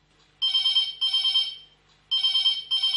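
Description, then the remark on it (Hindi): A telephone rings with a farmer's call to a farming call-in program, in two double bursts, each pair of trilling electronic rings separated by a short pause, loud, with no one speaking. “देखो अपन इंतजार कर रहे थे जावजन लगी फोन की घंटी, तो उठाओ जल्दी से किसान भैया को फोन।”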